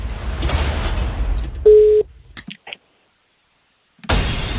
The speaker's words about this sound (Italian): Secondo squillo.